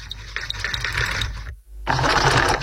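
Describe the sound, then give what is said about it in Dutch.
A Singer sewing machine runs in a steady mechanical clatter, pauses briefly around the middle, then starts up again at full pace. No one speaks. “Een Singer, een naaimachine, ja.”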